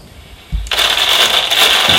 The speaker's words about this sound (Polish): Wiecie Państwo, jak szeleści foliowa torba?